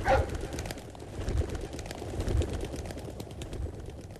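Birds, likely pigeons, coo softly in low, repeated murmurs about a second apart against a steady background hiss. No one speaks.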